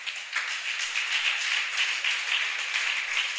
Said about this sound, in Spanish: ¿Cuántos alaban la gloria del Señor? Regálele un aplauso a Jesús, por favor.